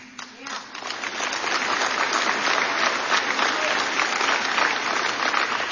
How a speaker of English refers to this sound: Yeah. And you clap.